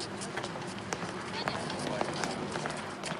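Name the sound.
running footsteps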